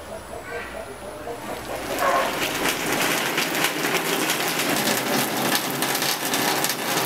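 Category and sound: nature, rain falling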